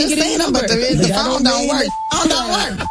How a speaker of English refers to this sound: Then I called, and when they was like, bleep, bleep, bleep.